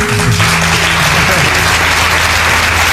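A crowd applauds steadily, dense loud clapping filling the whole stretch without pause, with a faint low murmur of voices beneath it.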